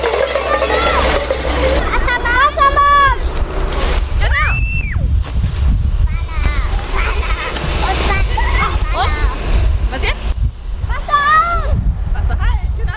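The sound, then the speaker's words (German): A fire hose sprays water in a steady, loud, continuous rush from start to finish during a fire safety lesson for kindergarten preschool children in Weißenborn, Germany, while several high-pitched children's voices call out over the hiss. “Wassermarsch. Genau, zweites Vorwassermarsch, ne? Und jetzt aufdrehen.”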